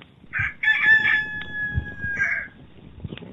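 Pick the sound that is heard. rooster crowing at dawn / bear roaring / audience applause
rooster crowing at dawn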